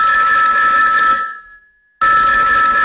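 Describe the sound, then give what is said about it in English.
A loud telephone bell rings continuously, fades out into a brief silence, then abruptly starts ringing again. No voices are present. “Minahan and the other campaigners were being bombarded by phone calls from undocumented Irish people”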